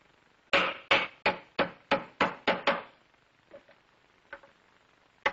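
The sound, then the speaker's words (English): A hammer drives nails into wood, attaching a leg to the top of a piece of wooden furniture, with eight quick, evenly paced, sharp blows, followed by a pause, a few faint knocks and one final strike. No one speaks. “And we can well put in another nail, 3 on each side.”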